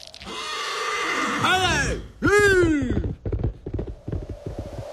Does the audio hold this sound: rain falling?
no